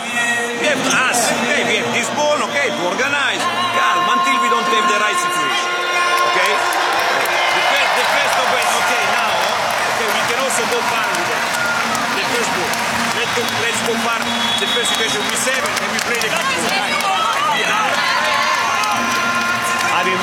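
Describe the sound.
A large indoor arena crowd cheers loudly and continuously during a Swedish team timeout as a father lifts up his small child, a dense roar of voices with whistles and shouts that never lets up across the whole stretch.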